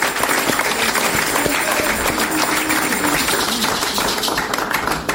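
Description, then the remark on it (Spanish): An audience breaks into sustained applause for the Lord, a dense, steady wash of many hands clapping at full volume for about five seconds, with faint voices mixed in underneath. “Denle un aplauso al Señor, hermano, ¿eh?”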